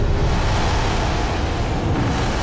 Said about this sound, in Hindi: Glacier के नदी में गिरते ही ऐसी खतरनाक हलचल मची कि खड़ी हो गई पानी, मलबे और गाद की कई मीटर ऊंची विनाशकारी दीवार।